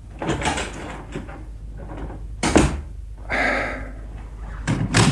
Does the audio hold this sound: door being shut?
yes